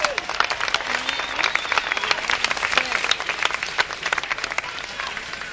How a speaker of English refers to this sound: It's nice to see black and white together on a very important day. Isn't that beautiful? Give a clap for yourselves.